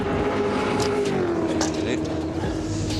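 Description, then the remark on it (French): A steady, throaty 5-litre V8 Chevrolet small-block engine, reworked to about 490 horsepower in a race car, drones at a constant loud level for the whole stretch, its tone sliding slightly lower partway through, with faint voices murmuring underneath. “V8 Chevrolet, sympa. Small block.”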